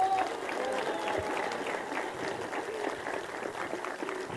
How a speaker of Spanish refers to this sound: Vamos a brindarle un aplauso fuerte a los delegados y al COPASI de la comunidad. Gracias por acompañarnos.